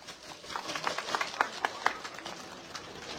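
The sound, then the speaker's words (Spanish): A crowd claps for about three seconds to welcome the Frente Defensa del Pueblo Chariña at a gathering in Coracora, a dense patter with a few sharper claps standing out, tapering off toward the end. “Fuertes palmas.”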